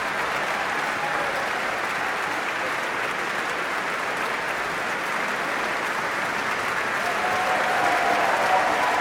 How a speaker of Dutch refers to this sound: En dit applaus is voor paukenist Paul Jussen.